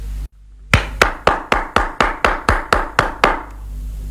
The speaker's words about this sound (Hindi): ऐसे देखा, अब बजी ना ताली। शाबाश।